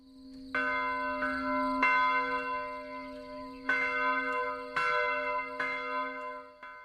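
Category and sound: signal or alarm, church bell ringing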